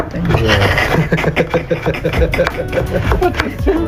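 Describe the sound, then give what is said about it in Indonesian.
A knife chops into coconut again and again, sharp knocks in an uneven but steady rhythm, as a geblek seller prepares coconut near a smoky firewood fire, with murmured voices in the background. “Di tengah asiknya memotong kelapa”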